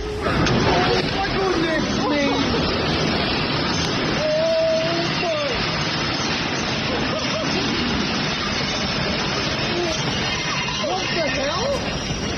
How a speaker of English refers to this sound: All right, that was us standing next to an air conditioner in the office, but it sounded like a tornado, right? No, that's what it was.